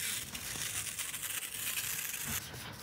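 Adhesive tape is pulled and torn off a roll and pressed onto a surface in a house, a continuous crackly ripping with a few small taps and crinkles, and no voices.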